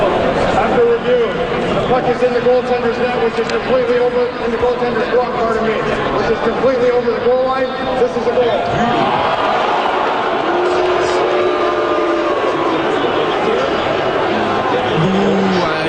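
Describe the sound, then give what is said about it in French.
A large hockey crowd outside the Centre Bell murmurs and shouts in a steady, dense roar while awaiting the referees' review of whether a Sabres shot was a goal, with scattered voices, whistles and cheers rising and falling throughout. “Donc là, la foule est en attente de la décision des arbitres qui décident de revoir s'il y a but ou pas sur un lancer des sabres.”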